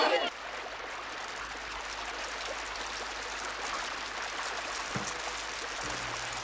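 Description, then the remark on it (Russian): Heavy rain pours down in a dense, steady hiss that holds at an even level for the whole stretch, after a brief louder rush at the very start. “Льет сильный дождь.”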